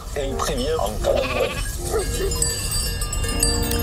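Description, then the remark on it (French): Several ewes from a flock of 260 in the Pyrenees bleat in overlapping, wavering calls while their bells tinkle steadily in the background, the flock staying busy throughout. “berger d'un troupeau de 260 brebis dans les Pyrénées.”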